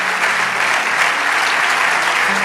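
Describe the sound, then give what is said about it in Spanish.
An audience applauds steadily, a dense, continuous wash of many hands clapping at an even loudness throughout, with no voices rising above it. “Vamos, dale ese aplauso de todo corazón.”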